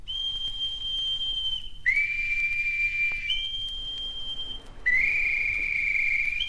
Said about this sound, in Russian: Эй, боцман, свистать всех наверх.